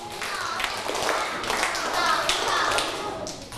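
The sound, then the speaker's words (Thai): Students in a class clap hands in a clapping step, a steady, somewhat unsynchronized patter of sharp taps, with faint voices murmuring underneath throughout. “นักเรียนปรบมือสเต็ปปรบมือทำยังไงคะ”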